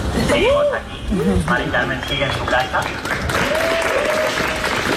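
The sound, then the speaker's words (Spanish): A crowd of local neighbours and visitors applauds steadily outdoors at a protest camp of tents in Madrid, just after a manifesto was read. The dense clapping is sustained throughout, with scattered voices calling and shouting over it, loud. “Los aplausos de la gente, ahora mismo no se aprecia mucha presencia policial, hay gente del barrio, vecinos, gente que está empezando a venir de fuera de la acampada.”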